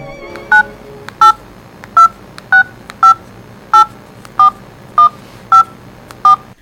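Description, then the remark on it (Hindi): A phone number is keyed in: about ten short, evenly spaced touch-tone beeps, each a clear two-pitch chirp, over a faint background hiss with no talking. “Phone करती हूँ।”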